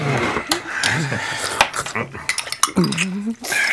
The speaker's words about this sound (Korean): 포크 소리와 주스를 홀짝이는 소리만 났다.